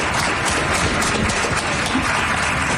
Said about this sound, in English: That is the very, very lefty group that goes to city club events, to Seattle club events. They're applauding for that.